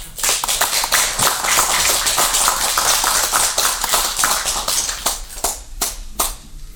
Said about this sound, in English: You must clap for them.